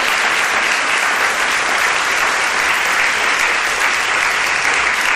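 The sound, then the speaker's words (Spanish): A large audience claps steadily and loudly for several seconds for the Radio Sevilla production colleagues, a dense, continuous wash of applause with no voices rising above it. “Quería darles a todos ellos un aplauso, por favor, para los compis de Radio Sevilla”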